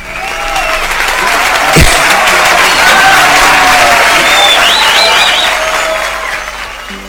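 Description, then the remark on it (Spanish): Sustained applause from a crowd, dense and loud throughout with a sharp thump near the start, a few faint whistles and cheers rising over the clapping before it tapers off. “Hoy día saludamos, Miguelito, con un aplauso.”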